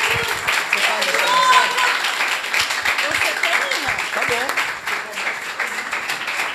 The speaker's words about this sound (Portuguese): Glória a Deus. Aplaude Jesus.